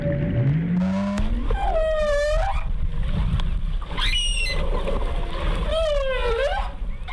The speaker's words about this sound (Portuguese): O que você está ouvindo não é um efeito sonoro. É o registro real de uma mãe baleia jubarte se comunicando com o filhote nas águas do Espírito Santo. O som mais grave é da mãe, o mais agudo do filhote.